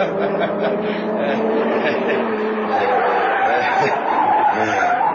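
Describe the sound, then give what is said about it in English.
A car's tires squeal and skid in a long, continuous screech with wavering pitch, loud, as the driver spins the car around at a police roadblock over several seconds. “Spin the car, quick.”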